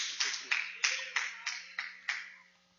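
A standing church audience claps together in a steady rhythm, about seven strong beats of dense applause that gradually fade out, with no one speaking over it.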